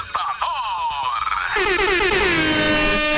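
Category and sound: signal or alarm, alarm clock ringing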